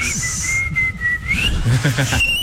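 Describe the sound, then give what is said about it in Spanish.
A sustained, piercing whistle, the whistler's loudest, holds a steady high pitch, slides upward, then breaks off and returns even higher, loud over faint background murmur. “Este es mi silbido más fuerte.”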